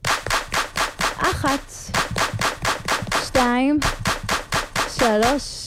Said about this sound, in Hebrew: מוכנות? קדימה, כפיים.